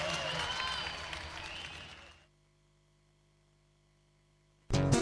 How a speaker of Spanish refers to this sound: aplauso, compañía Sentíes.